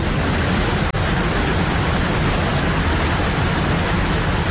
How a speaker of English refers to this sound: A loud and intrusive natural sound, such as a waterfall, has evolved as part of an ecosystem over a long period of time.